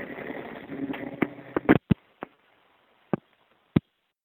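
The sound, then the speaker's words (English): A 7 subway train rumbles past for a couple of seconds, then fades into a handful of sharp, irregular clacks, like wheels striking rail joints, with no one speaking. “I hear there's seven train going by.”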